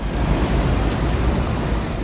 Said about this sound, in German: So klingt sie, die Abkühlung. Eine Sprinkleranlage sprüht feine Wassertropfen auf alle, die vorbeikommen. Kurtyna Wodna heißt das in Polen, wörtlich Wasservorhang. Sie sind an beliebten Plätzen und in Fußgängerzonen zu finden.